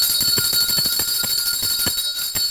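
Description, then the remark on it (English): A lunch bell rings rapidly and continuously to introduce the day's senior center lunch menus. It makes a fast, loud metallic clatter of repeated strikes with steady shimmering overtones, with no voices. “Let's ring today's lunch bell.”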